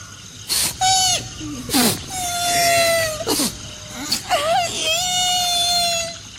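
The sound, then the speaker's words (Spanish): A voice imitates a young boy crying: several drawn-out, wavering wails broken by sharp sobbing breaths, loud, filling the whole stretch without pause. “A ver, mijito, ¿por qué es que usted viene llorando, ah?”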